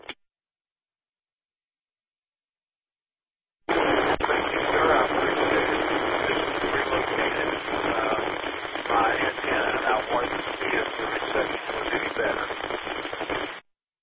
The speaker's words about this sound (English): That last transmission was a lot noisier on my end.